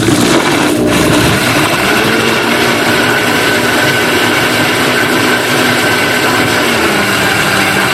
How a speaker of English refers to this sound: then we have some of that powdered vanilla. We'll add that in for flavor. And we'll whisk in the plant-based butter after it's come to a boil. So we'll blend this here for just a moment.